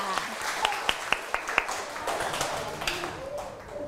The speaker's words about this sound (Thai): เด็กๆขอเสียงปรบมือหน่อยค่ะ